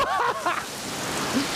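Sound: heavy tropical rain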